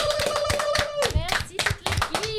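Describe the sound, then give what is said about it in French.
Loud, dense clapping from a crowd applauding a singer, a rapid continuous patter of many hands, with voices cheering and calling out over it throughout. “T'applaudis très fort.”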